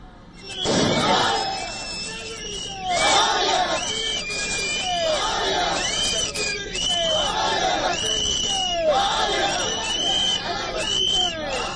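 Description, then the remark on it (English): A large crowd of TVK workers in Madurai roars and shouts in celebration after Vijay's oath, with a sustained loud wash of voices, rising and falling whoops, and occasional sharp bangs of bursting firecrackers cutting through the din. “Now, shortly after Vijay's oath, TVK workers erupted in celebration, with many seen bursting firecrackers and distributing sweets in Madurai.”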